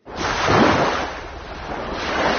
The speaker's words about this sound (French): Quelques vagues qui font du bien sur France Musique